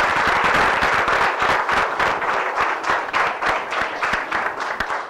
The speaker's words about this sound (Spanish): Un fuerte aplauso y bienvenido a la iglesia.